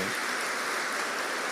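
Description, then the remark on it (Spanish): A crowd claps for the Heavenly Father in a steady, dense, crackling wash of applause that holds an even level throughout, with no voices heard over it. “Vamos a darle un aplauso al Padre del Cielo.”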